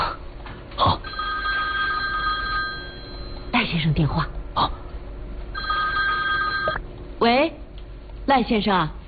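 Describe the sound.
A telephone rings with an incoming call in two long, steady electronic bursts separated by a pause, clear, while voices speak briefly in between and just after.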